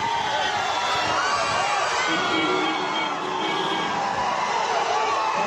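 A large crowd of fans shouts and cheers all at once, thronging Vijay as his car leaves his residence: a dense, continuous roar of overlapping voices that stays loud and steady for the whole stretch, with no single voice standing out.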